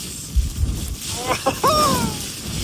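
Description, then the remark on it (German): Strong wind of a snowstorm during the season's first snow on the Aber, driving snow into faces, roars steadily with low buffeting thumps against the microphone, while a brief voice or cry surfaces partway through above the constant rushing noise. “allein wenn ich diesen Wind höre, da könnte ich mir schon wieder die Jacke anziehen”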